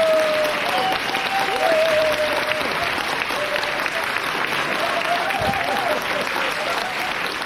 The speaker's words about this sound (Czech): Potlesk.